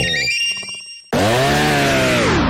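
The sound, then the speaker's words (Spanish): A brief electronic jingle gives way abruptly to a loud chainsaw engine roaring at full throttle, its buzzing whine steady and then dipping slightly as it winds down. “le ofrecieron una motosierra igualita a Husqvarna, pero más barata.”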